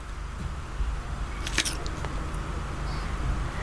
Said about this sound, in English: That was a crunching bit. The initial crack is quite important, I suppose. The initial crack.